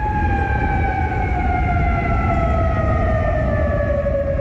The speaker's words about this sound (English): Those sirens heard across Kuwait City, Qatar, and Bahrain also warned residents to take shelter as they come under Iranian fire.